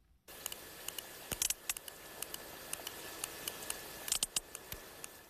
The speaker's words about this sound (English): Now, that's the sound of a sperm whale from the eastern Mediterranean, a bit pacier, closer to the other dance mecca of Ayia Napa.